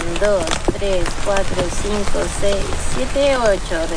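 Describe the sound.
Heavy rain pours down in a steady, dense hiss that fills the background, while people talk over the continuous downpour as they take water samples from a river.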